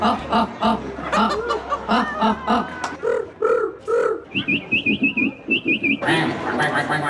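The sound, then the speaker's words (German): At a bird-call imitation contest during a street art festival in Landshut's old town, a person imitates bird calls with rapid, high chirping trills and whistles while an audience chuckles and laughs throughout, the mimicked chirps rising clearly above the crowd. “Da gab es am Wochenende zum allerersten Mal, Achtung, einen Vogelstimmen-Imitationswettbewerb. So hat das Ganze dann geklungen in der Landshuter Altstadt.”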